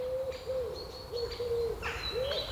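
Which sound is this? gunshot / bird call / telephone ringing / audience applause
bird call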